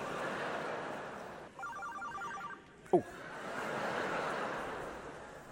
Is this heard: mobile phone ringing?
yes